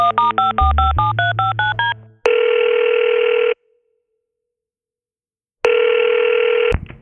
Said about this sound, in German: Da nimmt … sein Telefon zur Hand und wählt eine Nummer.